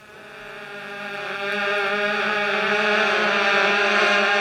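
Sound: wasp buzzing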